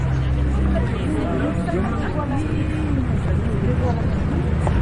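A large, impatient crowd that has waited since dawn murmurs restlessly, a dense, steady babble of many overlapping voices with no words standing out, holding at an even, fairly loud level throughout.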